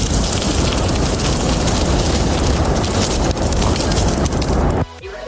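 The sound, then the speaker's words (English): Steady, dense crackling and hissing of sausages frying on a hot barbecue grill, loud and continuous like heavy rain, cutting off abruptly near the end. “Okay, that sounds like sausages. It is sausages.”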